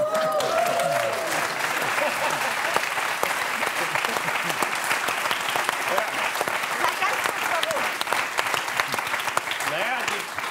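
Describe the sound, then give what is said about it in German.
Sustained audience applause, a dense wash of many hands clapping at steady volume for about ten seconds, with a faint voice briefly audible near the start. “Das Verhalten klatschen kann ich nicht nachvollziehen.”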